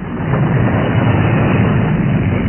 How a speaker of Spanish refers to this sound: Lo dicho, ya está la tormenta sobre nosotros. Vaya manera de llover. Difícilmente se puede mirar la carretera.